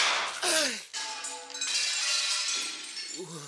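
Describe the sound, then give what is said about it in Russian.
A sharp gunshot blasts out and a giant inscribed ceramic cup shatters, followed by a second or two of bright crashing and ringing shards that fade out as a voice begins at the end. “Что, вы могли бы поздравить меня с хорошим выстрелом?”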